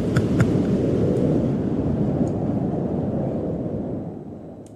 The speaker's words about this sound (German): So, jetzt sind wir einmal alle durchgefrostet und wem immer noch warm ist. Hier ein bisschen kalter, akustischer Wind für euch.